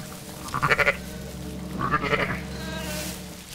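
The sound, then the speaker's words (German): Two short, wavering lamb bleats, the second slightly longer, over a steady low hum of stable background noise, as a lamb is held up to drink; the faint smacking of its suckling may sit beneath. “Gut, im Stall ist das jetzt nicht so leise, aber dann hört man das Schmatzen auch.”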